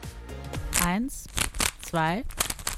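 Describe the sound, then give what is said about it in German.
Quick bursts of plastic clicking and clattering as a Rubik's cube is twisted during a four-second countdown, while a voice sings out rising and falling tones over it. “Warte kurz, ich mache das mit dem Zauberwürfel zusammen.”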